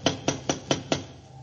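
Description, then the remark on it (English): Five sharp, evenly spaced knocks on a door in quick succession, each a short solid thud, followed by a brief quiet stretch with only faint background hum. “Go ahead and knock.”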